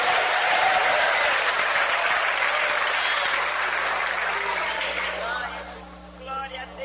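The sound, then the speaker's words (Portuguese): A church audience applauds loudly and steadily for several seconds in praise of Jesus, a dense wash of clapping that gradually thins out, with faint voices emerging as it fades near the end. “Mais fortes palmas misturado com glória a Deus.”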